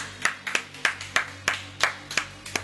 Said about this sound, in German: Jo Leute, macht mal einen dicken Applaus hier für den ….